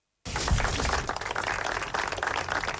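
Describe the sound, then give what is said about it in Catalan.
After a brief moment of silence, a large crowd bursts into sustained applause, dense and steady clapping that continues loudly without any voices, ending the minute of silence that closed the commemoration of the 9th anniversary of the 18 August 2017 attack in Cambrils, Baix Camp. “Amb aquests aplaudiments va acabar el minut de silenci que va tancar la commemoració del 9è aniversari de l'atemptat del 18 d'agost del 2017 a Cambrils, al Baix Camp.”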